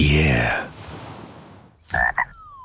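A frog croaks twice in quick succession, two short, fairly loud calls following a louder tonal sound at the start and a brief quiet stretch.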